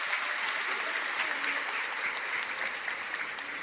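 A church audience in a parish applauds steadily after a Hail Mary prayer, a dense, even wash of many hands clapping at a sustained loudness with no voices standing out above it.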